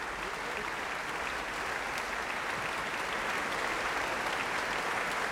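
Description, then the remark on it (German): Sustained, dense applause from an enthusiastic audience in the sold-out Herkulessaal as the soloists and the Bavarian Radio Symphony Orchestra and Choir take their bows, steady and loud throughout with a bright crackling texture of many hands clapping at once, no voices standing out. “Und auf dem Podium bedanken sich die Solisten, das Symphonieorchester und der Chor des Bayerischen Rundfunks bei einem begeisterten Publikum hier im ausverkauften Herkulessaal.”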